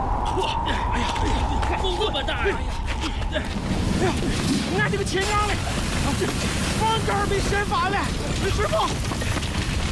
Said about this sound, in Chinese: 这又开始刮大风了。可不是嘛，朝鲜这天是咋了？刚入冬，老天爷就发疯。